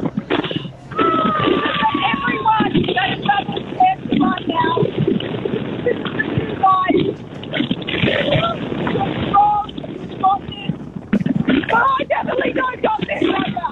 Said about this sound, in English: It's very windy up there. It's so windy!